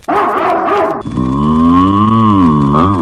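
A cow lets out one long, loud, drawn-out moo, its deep tone rising and falling over about two seconds, just after a brief burst of another rough animal sound.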